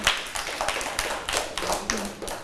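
A group of children clap in quick, steady applause for a classmate at the teacher's request, fairly loud, with many overlapping claps filling the whole moment and no talking.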